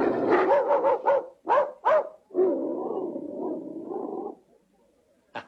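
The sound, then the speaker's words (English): A voice imitates a dog, with a quick run of sharp barks, two more separate yaps, then a long drawn-out growling howl, loud, followed by silence. “I can do a very good dog. Listen.”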